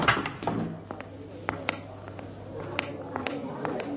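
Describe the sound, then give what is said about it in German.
A door opens and shuts with several sharp latch clicks and knocks scattered over a few seconds, over a steady low hum and faint indistinct background murmur. “Durch diese Tür.”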